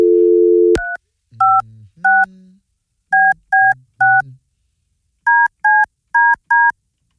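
A brief dial tone gives way to ten crisp keypad beeps from a phone dialing the Bone Bat Phone line, clear, tapped out in quick groups of three, three and four with short pauses between.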